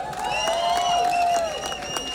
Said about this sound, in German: Aber an der Stelle ich mal einen riesen Applaus für die Leute, die das hier organisieren. Die Leute an der Technik, am Licht, am Ton, dass so etwas möglich ist. Woo!